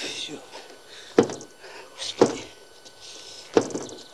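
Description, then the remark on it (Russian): Three sharp thunks of someone trying to open a door, spaced about a second apart, as if yanking at a stuck handle, against a faint, hissy background. “Пытается открыть дверь.”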